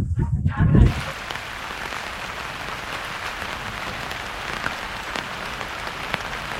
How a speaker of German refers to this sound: Heute regnet es und dieses Wetter scheint nicht allen Leuten so gut zu bekommen